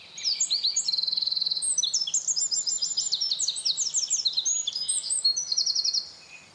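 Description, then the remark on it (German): A Eurasian wren, the second-smallest native bird, pours out a loud, rapid song of high trills and chirps, its whole body vibrating and short tail bobbing, sustained for about six seconds with dense, rhythmic bursts, clear with no talking. “Der Zaunkönig ist ein wahres Stimmwunder. Wenn unser zweitkleinster heimischer Vogel zum Singen ansetzt, vibriert sein ganzer Körper und sein kurzer Schwanz wippt mit jedem rhythmischen Triller mit.”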